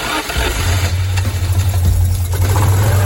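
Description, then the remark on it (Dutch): The engine of a new Citroën 2CV-style car idles steadily for about three seconds, a loud, even low-pitched throb with a faint rattling chatter on top and no voices. “Precies 80 jaar nadat de eerste eend in Parijs werd gepresenteerd.”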